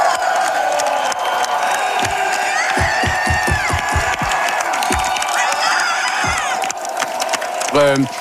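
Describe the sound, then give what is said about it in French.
A Parti Québécois rally crowd roars continuously, a dense wall of cheering and shouting voices with scattered whoops, whistles and rhythmic bursts of chanting or clapping running throughout. “Et ça a beaucoup, beaucoup motivé les troupes du Parti québécois, comme on peut l'entendre dans cet extrait.”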